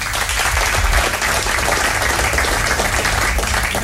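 An audience at the Gouden Schoen football award ceremony applauds Johan Cruijff steadily, a dense wash of many hands clapping at a constant loud level for several seconds, with no voices standing out above it.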